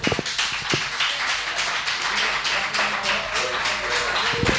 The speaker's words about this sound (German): Sie hörten den Applaus vom Fanclub von Papa Georg.